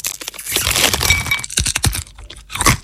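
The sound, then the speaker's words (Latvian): Loud, crisp crunching of nuts being chewed, a dense crackly stretch followed by several sharp separate crunches, with no voices. “Kraukšķīgi rieksti, žāvēti augļi un cik tas gardas uzkodas.”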